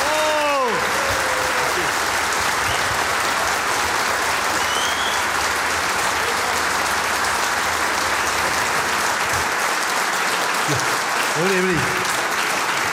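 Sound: audience applause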